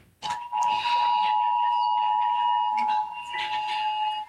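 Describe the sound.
Several phones in a courtroom blare an NDRMC rainfall emergency alert at once during a trial's direct examination, a loud, steady high-pitched electronic tone with layered overtones, briefly dipping before resuming, while faint voices murmur underneath.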